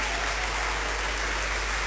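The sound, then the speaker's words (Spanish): A crowd applauds together for God as King during a sermon, a dense, steady wash of clapping that holds at an even loudness for the whole stretch, with no voices rising above it. “¿Cuántos aplaudimos al Rey?”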